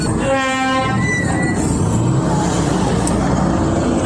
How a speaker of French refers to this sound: Le bruit des motos, des véhicules et les conversations des usagers rythment chaque soir à l'entrée principale de l'autogare Tiaourou de Barako.